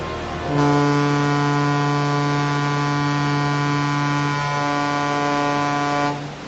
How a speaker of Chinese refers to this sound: 现在广播，1984年12月1日9时20分，穿越赤道，向阳红十号与J-211船鸣笛1分钟。